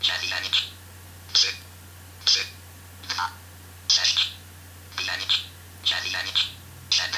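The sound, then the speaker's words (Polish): A phone number, the caller's own, being dialed on a phone keypad: about a dozen short, bright electronic blips in quick, slightly irregular succession, clear over a faint steady hum. “No ja przyznam się szczerze, że przyzwyczaiłem się do tradycyjnego korzystania z telefonu, także załóżmy, postaram się zadzwonić do...”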